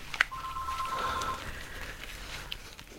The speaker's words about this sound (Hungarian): Ezt a telefont még felvesszük.